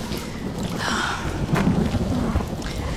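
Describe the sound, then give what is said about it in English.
Steady rain hisses and patters while low thunder rumbles continuously underneath, swelling briefly around the middle. No voices, just the dense, even wash of a storm. “Oh, it would rain.”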